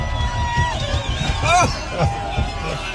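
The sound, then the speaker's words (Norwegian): An excited crowd at Alpe d'Huez clamors around a car, rocking it, with overlapping shouts, whoops and cheering voices, a dense steady hubbub with rising pitched yells and low rumbling thumps underneath. “Og her er det da altså bilen som gynger av folk som blir så gira av å se dere.”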